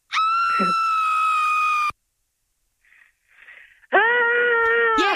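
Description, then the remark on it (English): A recorded scream, loud, sustained and high-pitched, plays for a couple of seconds, followed by a short pause with faint rustling, then a person tries to copy it with a similarly loud, piercing scream. “We're going to play a scream for you and then you're going to try and copy it, okay?”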